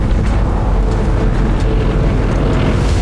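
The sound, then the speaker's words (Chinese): An airplane drones overhead, a loud, steady low-pitched engine rumble with a broad roar that holds constant for a few seconds, with no voices. “听见飞机的声音了？”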